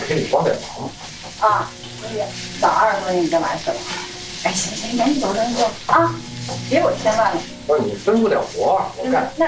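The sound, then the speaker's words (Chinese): Food sizzles and fries in a pan on a stove with a steady crackling hiss, the heat having just been turned down, while a man and woman talk over it in conversation. “哎，我说你这活的有点大了。哎，你哪儿大了？我刚关小的。 一会儿就该粘锅了。”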